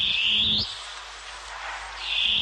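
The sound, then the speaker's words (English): A long-tailed cuckoo (koekoeā) gives loud, harsh, rising screeching calls, one at the start and another building at the end, with a quieter, hissy stretch between them and no one speaking. “Koe koea. The long-tailed cuckoo.”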